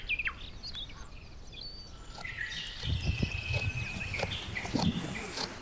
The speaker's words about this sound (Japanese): はい、これ聞こえますか。これむしゃむしゃと草を噛み砕く音。